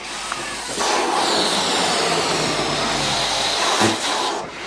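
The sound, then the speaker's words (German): A released balloon whizzes through the air, a steady, loud rush of hissing air with a thin whistling edge that lasts a few seconds and then cuts off abruptly. “Und auf mein Kommando lasst ihr ihn flitschen. Dann saust er durch die Luft”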